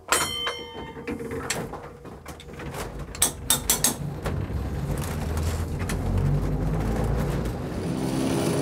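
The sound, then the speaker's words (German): An original historic train on the Ritten railway releases its handbrake with a burst of hissing and a few sharp mechanical clunks, is switched to forward, then starts moving toward Oberbozen as a low motor hum steadily swells and rumbles on. “Und jetzt lösen wir sie, schalten nach vorwärts und fahren Richtung Oberbozen.”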